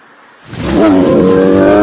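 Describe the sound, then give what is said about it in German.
After a brief hush, a bear's deep roar swells up loud from the forest, a sustained, rough, rumbling growl that holds at full strength to the end. “Ein Bär!”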